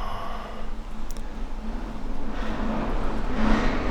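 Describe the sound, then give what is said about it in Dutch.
A truck rumbles past, its low engine drone and road noise growing steadily louder toward the end as it approaches, with no voices. “Ik hoor een vrachtwagen voorbij komen.”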